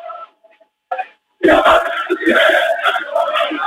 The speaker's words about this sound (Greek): Ο κόσμος του όφη φωνάζει τσέδες, τραγουδάει. Περιμένει να πάρει ένα ακόμα τρόπαιο, περιμένει να δει την ομάδα του να σηκώνει ένα ακόμα τρόπαιο μέσα στο σπίτι της απέναντι στην ΑΕΚ.